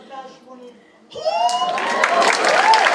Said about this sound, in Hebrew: איפה כפיים? יותר כפיים